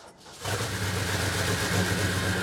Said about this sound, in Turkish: Vay canına. Her zamankinden daha iyi gitti. Motorun sesi gerçekten harika.